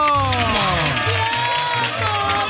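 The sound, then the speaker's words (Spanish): A loud, continuous burst of audience applause for a short video, with cheering and whooping voices rising over the clapping. It stays dense for the whole stretch. “¡Aplaudan eso! ¡Bravo!”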